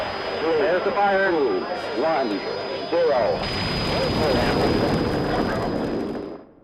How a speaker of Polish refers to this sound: Słyszysz? Delikatnie musuje. Orzeźwia i gasi pragnienie. Ty już wiesz, to Litorsal. Ten Litorsal.